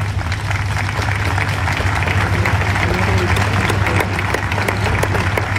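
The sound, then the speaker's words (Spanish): A crowd applauds steadily in tribute to fallen Guardia Civil officers, a dense, continuous wash of many hands clapping at an even loudness throughout, with a low hum underneath and no voices standing out. “Aplausos ante ese recordatorio de esos guardias civiles fallecidos.”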